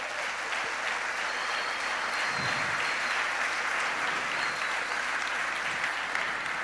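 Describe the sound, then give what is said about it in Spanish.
An audience claps loudly and steadily for the Lord Jesus Christ, a dense, sustained wash of many hands applauding at an even volume throughout, with no speech over it. “Bueno, dar un fuerte aplauso al Señor Jesucristo.”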